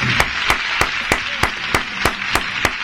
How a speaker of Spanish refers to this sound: Hablamos, vamos a brindarle aplauso. Aplauso también.